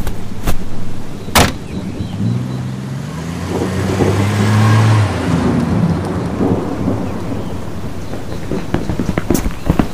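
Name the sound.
car driving away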